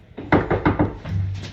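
Quick footsteps in a stairwell, a run of four or five rapid, heavy thumps in an even rhythm, followed by a low, steady hum as the steps fade out.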